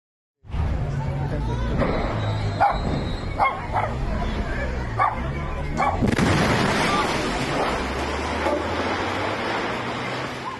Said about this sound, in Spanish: En el Estado de México, donde el pánico se apoderó de los vecinos de Coacualco cuando una explosión sacudió una gasera, pero mírelo usted.